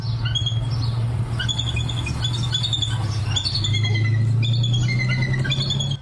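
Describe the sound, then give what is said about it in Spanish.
A pair of bald eagles nesting in Los Angeles County give a steady series of thin, high-pitched piping chirps and squeals over about six seconds, set against a continuous low rumbling hum. Nobody speaks. “Ahora mire esto otro, una pareja de águilas calvas fue confirmada anidando en el condado de Los Ángeles.”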